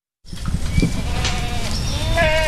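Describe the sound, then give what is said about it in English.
A herd of 20 goats bleats as they file into a trailer in a backyard in Raleigh, several overlapping calls rising and wavering over a steady rustling, shuffling background, with no one speaking. “In a local backyard, 20 goats file into a trailer.”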